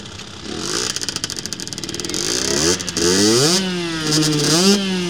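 A small moped engine at Ilseparken school in Borgå sputters, then revs up in rising, whining bursts, its pitch climbing and holding high as it accelerates, with no talking.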